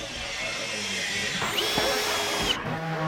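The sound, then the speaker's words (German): A power drill whines steadily, its pitch shifting partway through, with faint voices and clatter of a worksite in the background, where eighth-graders of a school in Mölln, Schleswig-Holstein, are building a 21-square-metre Tiny House as a mobile classroom on a meadow. “Niais Bayer hat die Jugendlichen auf der Baustelle besucht.”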